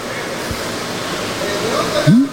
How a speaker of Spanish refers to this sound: No, pero ¿quién da gracias a Dios por ese chorro de agua, por esa agüita que te tomas?